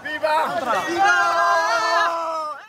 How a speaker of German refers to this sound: Tausende kommen heute über die Grenze. Migranten größtenteils aus dem benachbarten Marokko. Die meisten junge Männer und Jugendliche. Jubelnd laufen sie durch die Straßen Ceutas.